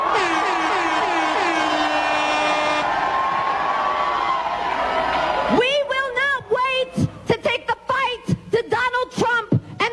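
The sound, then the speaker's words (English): At a rally, a loud, sustained roar from a crowd of people in their twenties and early thirties fills the first half, then a single voice shouts "We will not wait" in short bursts into a microphone through an amplified, echoing sound system, with the crowd still faintly underneath. “See, it's different when they're screaming it into a microphone to their rabid fans.”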